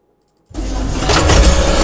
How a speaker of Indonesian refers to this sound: Aduh, salah print lagi. Ini udah ketiga kalinya nih hari ini. Mesin printnya sih nggak salah.